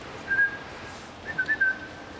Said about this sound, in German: So eine ganz schlechte Angewohnheit von mir, dass ich den nie mit Namen anspreche. Ich pfeife immer so, bei jedem Jungtier gleich. Das hat auch den Nachteil, dass immer alle Jungtiere angerannt kommen, wenn ich dann so pfeife